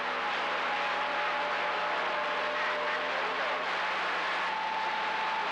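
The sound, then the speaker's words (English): A dense, unbroken roar of heavy road traffic, with a steady engine hum and tire noise running evenly throughout, no individual vehicles standing out and no voices. “Boy, this traffic is real heavy.”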